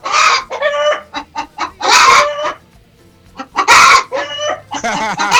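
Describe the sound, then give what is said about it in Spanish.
Chickens cluck in short, choppy bursts while a rooster lets out two loud, ringing crows, with brief pauses between the calls and no voices. “Anda bien el gallo.”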